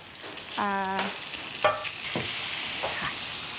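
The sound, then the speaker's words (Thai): Steady oil sizzle hisses throughout as pork, garlic and chilies are stir-fried in oil for a Thai holy basil stir-fry (kaphrao), broken by a few metallic spatula scrapes against the pan, one with a brief ringing, squealing tone. “กระเทียมพริกลงแล้วแล้วก็ตามด้วยหมูเลยค่ะ ใช่แล้วนี่ก็เป็นกะเพราที่บ้าน”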